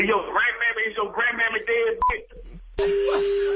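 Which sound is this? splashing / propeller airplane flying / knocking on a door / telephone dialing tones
telephone dialing tones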